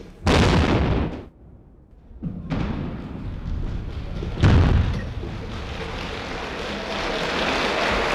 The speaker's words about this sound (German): Anschließend ist es auch der damalige Bundespräsident, der die erste Sprengung auslöst, gefolgt von Applaus.